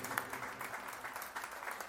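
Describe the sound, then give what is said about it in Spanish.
A crowd applauds for Adlan Cruz, many hands clapping in a dense, sustained burst that stays fairly even in loudness throughout. “Otro aplauso para Adlan Cruz.”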